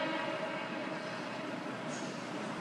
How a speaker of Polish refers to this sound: Ale przecież słychać pociąg. To jest tło. No to po co go słychać?